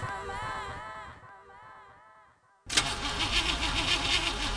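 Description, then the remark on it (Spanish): A car engine cranks and struggles to start with a strained, wavering whine, pauses briefly, then bursts into a loud, rough sputtering roar; the car has run out of oil. “¿Otra vez tu auto fregado? Sí, el aceite se acabó.”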